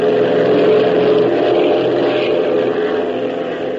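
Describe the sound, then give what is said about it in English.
A propeller plane's engine roars loudly and steadily as the throttle is opened, a thick droning hum with a buzzing edge that holds nearly constant for several seconds, with no voices. “Come on, hop, hit that throttle.”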